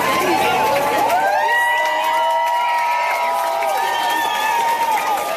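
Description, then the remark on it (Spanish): A large crowd erupts in cheers, with many voices shouting and whooping over scattered clapping, a loud, steady roar of excitement lasting the whole stretch, as onlookers applaud after the seconds of total darkness of a solar eclipse. “Durante los segundos de plena oscuridad había silencio y asombro para luego terminar con aplausos.”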